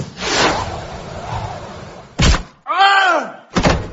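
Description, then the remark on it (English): An aid-distributing cannon fires a shepherd's pie at a person with a loud, rumbling boom that fades off, followed by a heavy thudding impact, a short wavering cry, and another solid thud. “I shall load this shepherd's pie, aim it at a distant povo, and then fire it.”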